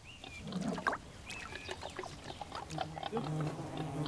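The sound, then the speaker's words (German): Wild boar grunt at a muddy wallow in a forest on a hot July day, low rough snorts coming in uneven bursts, with a few thin bird chirps and whistles scattered above them. “Die Bienen tanken Wasser an der Wildschweinsuhle.”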